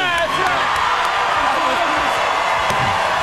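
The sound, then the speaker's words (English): A Monday-night studio audience at The Late Show cheers and whoops loudly and continuously, a dense wall of crowd noise with shrill whoops rising above it and scattered sharp claps throughout. “You know what this is? This is a Monday crowd.”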